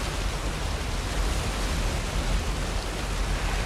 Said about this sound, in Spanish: Una cascada cae por una pared de roca. La cascada alimenta un gran estanque.